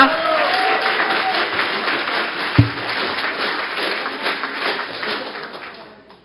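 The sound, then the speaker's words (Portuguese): Sustained applause from an audience for a woman being introduced, a dense wash of many hands clapping at steady volume for several seconds, with a single sharp thump midway, gradually fading out at the end. “Palmas para a”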